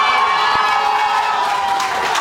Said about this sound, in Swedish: Och så här låter det inne på Vänsterpartiets valvaka här i Jönköping. Det är väldigt glada miner, mycket jubel.